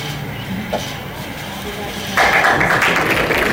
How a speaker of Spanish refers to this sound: Aplausos cerrados para Martín Arrau, el nuevo ministro de Seguridad Pública.